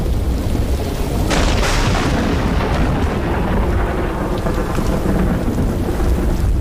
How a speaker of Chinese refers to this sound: 卡勒感受到了季节的变化，空中电闪雷鸣，一场大雨。